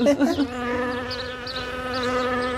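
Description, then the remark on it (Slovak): A voice imitates a buzzing fly while a mother feeds her son carrot, starting with a short vocal burst and then holding a steady, nasal buzz for a couple of seconds. “Pozor, letí mucha.”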